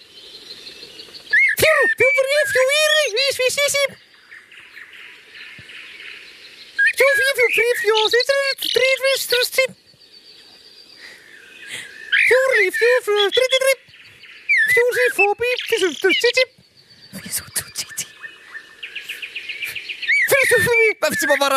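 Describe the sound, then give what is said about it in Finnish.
A man on stage at a bird karaoke performance imitates a common blackbird's song in loud, fluting, warbling phrases separated by short pauses, about five bursts in all, with no talking. “esittää nyt mustarastaa.”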